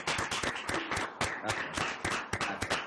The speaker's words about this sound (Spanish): Muy bien. Ahora sí, un aplauso.